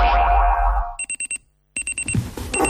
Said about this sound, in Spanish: El despertador.